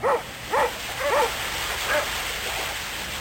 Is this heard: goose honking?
no